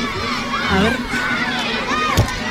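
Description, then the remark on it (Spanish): A dense crowd of children cheering and shouting together as they welcome the festival giants of the old town (casco viejo) arriving in a parade, high excited voices overlapping in a steady roar, with a sharp burst of noise near the end. “Sí, están apareciendo ahí ahora los gigantes. Los gigantes del casco viejo. Les están recibiendo los niños.”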